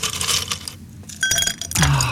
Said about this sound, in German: Schön, noch ein paar Eiswürfel in den Kaffee. Es ist richtig heiß heute Morgen schon. Und was ist das für ein schönes Geräusch, oder? Für meinen Geschmack aber ein bisschen wenig Melodie.